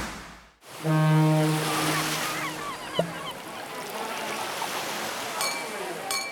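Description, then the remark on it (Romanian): Sea waves break on a shore in a steady, loud rushing wash. A low horn sounds briefly near the start, and a single sharp knock cuts through partway in. “Valurile spărgându-se de țărm, terasele pline de oameni.”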